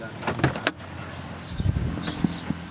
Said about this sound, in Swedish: Nu hänger tunga hänglås på dörrarna till kasinon och andra byggnader som polisen stormat. När jag står och känner på de låsta dörrarna kommer en vakt fram.